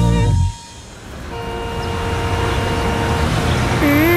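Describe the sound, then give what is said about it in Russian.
Busy city street noise in New Zealand with a steady roar of traffic and vehicles rolling past, a brief horn-like tone near the end, following a short burst of louder sound at the start. “Это же обычный город. Дома, машины, ни одной хижины.”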